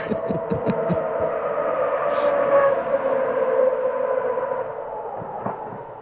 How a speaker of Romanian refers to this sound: Așa, drifturi, mașini de curse. Nu sunt drifturi. Mașini de curse, Formula 1. Formula 1. Așa. Dar ce mă, motoarele fac zgomotul ăsta? Frumos. V8 chiar, da.